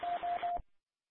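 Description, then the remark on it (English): A new two-way radio keys up with three quick, evenly spaced beep tones over a thin, crackly hiss, then the transmission cuts off abruptly into silence. “But I will key up on the new radio in a second to give it a try, and we will see how it sounds from there.”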